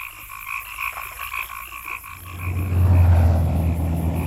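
A chorus of frogs croaks in steady, rapid pulses, joined about halfway through by a loud, low rumbling like a passing engine that partly swamps the calls.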